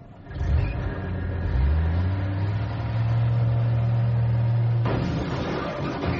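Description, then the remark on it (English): A stolen truck's engine revs up loud in Tallahassee, Florida, its pitch climbing and then holding at a steady high drone for several seconds, with no voices. “it's been a bad week for one Leroy Lawson of Tallahassee, Florida, who stole a truck”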